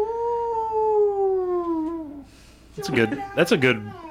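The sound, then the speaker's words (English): A werewolf howl sound effect: one long, loud, wailing howl that slowly sinks in pitch before fading out, followed by a person starting to talk. “That's a good werewolf howl there.”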